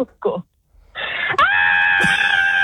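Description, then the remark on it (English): A person in Mount Barker lets out a long, loud, high-pitched scream for a machine, holding steady for over a second, preceded by a couple of short vocal bursts and a brief pause. “Scream for the machine in Mount Barker.”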